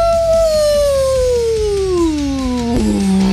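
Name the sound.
wolf howling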